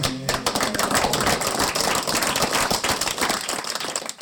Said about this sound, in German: Erstmal, also ich würde sagen, erstmal einen riesen Applaus an uns alle.